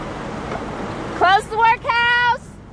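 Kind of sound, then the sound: vehicle, traffic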